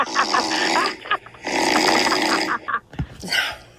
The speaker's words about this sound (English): This is apparently you snoring.